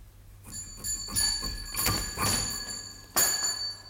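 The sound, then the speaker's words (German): A pulled house bell rings one evening in June 1889 with bright, sustained metallic tones, struck several times in an uneven sequence, the ringing overlapping and lingering, moderately loud with no voices. “Eines Abends im Juni 1889, ungefähr um die Stunde, wo man gewöhnlich anfängt zu gähnen, wurde bei mir zu Hause die Glocke gezogen.”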